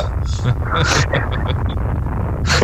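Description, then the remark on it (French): A loud explosion sound effect, a continuous roaring rumble that lasts the whole moment, with hissing bursts and a few quick crackling pops layered on top. “Quand tu as dit ta blague, il y a eu une explosion.”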